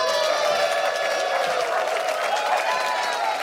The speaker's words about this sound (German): Und ich bitte um einen riesengroßen Applaus für Dietmar Wischmeier.